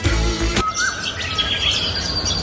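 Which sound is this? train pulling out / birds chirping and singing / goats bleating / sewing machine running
birds chirping and singing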